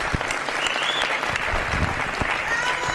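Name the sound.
loud audience applause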